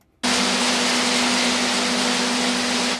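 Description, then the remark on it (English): Thousands of macadamias rumble through machinery in a packing shed surrounded by North Queensland sugarcane fields: a loud, dense roar that starts abruptly and holds steady, with a low mechanical hum running underneath. No one speaks. “The loud rumble of thousands of macadamias echoes from a packing shed surrounded by North Queensland sugarcane fields.”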